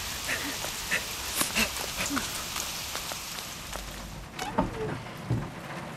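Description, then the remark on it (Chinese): Steady rain patters down across a broad hiss, with scattered drips and splashes popping out sharply on surfaces and faint muffled sounds of activity underneath. “哥，下雨了怎么办呀？”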